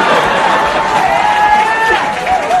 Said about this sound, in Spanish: Así que muchos aplausos, muy bien, muy bien.